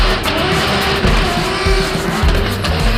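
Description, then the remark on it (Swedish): Two cars duel in a drifting competition, skidding with sustained, loud tire squeals over roaring engines, the screeching continuous across the whole stretch with no voices. “Drifting duellerar två bilar mot varandra. Här är det däremot inte klockan som avgör vinnaren, utan stilrena sladdar och teknisk körning.”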